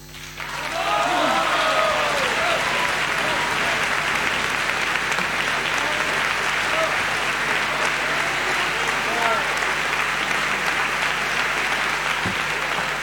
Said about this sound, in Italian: lo sentiamo in sottofondo, iniziamo dalla fine, iniziamo dagli applausi tributati al Verdi di Trieste, ad Ettore Pagano, alla fine della sua straordinaria, dico straordinaria perché fuori dall'ordinario, esecuzione